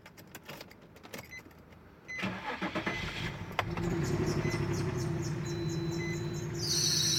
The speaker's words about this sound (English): Bro, I don't think your car's supposed to make that noise. Nah, it's fine. It just does that sometimes. No, for real. Go get that checked out before you drive.